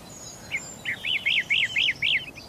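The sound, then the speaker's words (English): A bird sings a quick series of about seven bright, rising-and-falling whistled notes in steady rhythm, clear over a soft background hush, with a fainter high call at the start. “The birds have lost their fear. They don't see people.”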